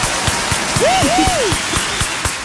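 Steady applause from a group on the Wake Up Show, a double round for a guest's first appearance, dense clapping throughout with a few sharper claps standing out, plus a brief rising-and-falling whistle-like tone over the middle of it.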